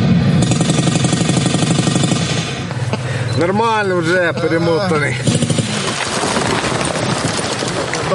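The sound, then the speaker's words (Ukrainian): Loud, continuous recorded battle noise played through an audio speaker for atmosphere during recruits' tourniquet and wound-packing training: dense rattling gunfire and heavy rumble without pause, with a voice briefly speaking over it. “Поруч з аудіоколонки для атмосфери лунає гуркіт бойовища.”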